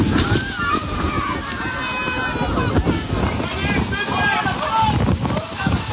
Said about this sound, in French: 25 minutes entre le moment où les organisateurs prennent connaissance du phénomène météo et l'arrivée de l'orage avec des rafales à 140 km/h et des images, des sons dont les festivaliers présents ce jour-là se souviennent.